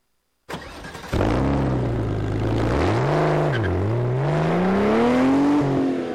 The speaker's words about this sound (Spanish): y rugen los motores